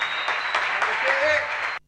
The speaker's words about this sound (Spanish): Muchas gracias. Un aplauso de vuelta, por favor.